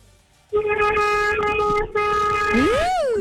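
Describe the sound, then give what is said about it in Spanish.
A loud, sustained horn blares from about half a second in, briefly breaks, then sounds again, ending with a rising and falling pitch swoop. Nobody speaks. “Le está tocando el pito. Ay, gracias por ese pitazo.”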